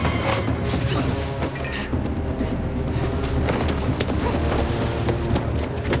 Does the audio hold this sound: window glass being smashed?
yes